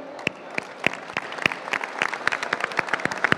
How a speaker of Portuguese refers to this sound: Aplausos á alcaldesa outra vez.